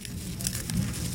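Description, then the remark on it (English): A monarch butterfly rustles its legs while being weighed and held gently by the abdomen in a lab in White River Junction, Vermont, making a soft crinkling patter with tiny scratchy ticks that continues steadily for about a second, with no voices. “That's the sound of a monarch butterfly rustling its legs.”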